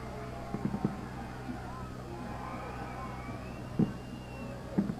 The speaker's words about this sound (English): Some rather grandiose fireworks shows going off in the background, which is a little bit frustrating